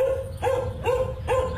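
A dog barks three times in a steady rhythm, each bark sharp and fairly loud, close by, over a low continuous background hum.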